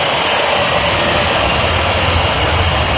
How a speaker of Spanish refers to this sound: El momento, escuchen, escuchen la silbatina del público.